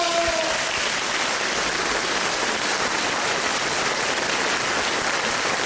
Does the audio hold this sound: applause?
yes